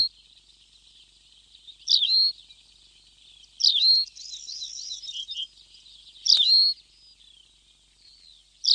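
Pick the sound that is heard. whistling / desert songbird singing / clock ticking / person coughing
desert songbird singing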